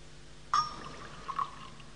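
A small splash of water is poured into wine in a metal chalice, with a faint ringing tone, followed by two soft drips a moment later. No voices.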